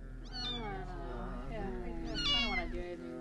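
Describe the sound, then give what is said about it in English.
A dying kitten meows plaintively and continuously, its high, wavering cries rising and falling in a few drawn-out distressed calls, fairly loud. “What's wrong with the kitten? Oh, it's dying, man.”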